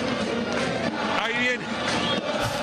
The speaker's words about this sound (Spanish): Ahí viene lo de Recoleta, vestido de blanco. Escuchen el aplauso.